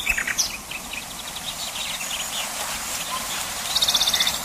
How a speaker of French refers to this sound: Le rossignol est universellement réputé pour la perfection de son chant.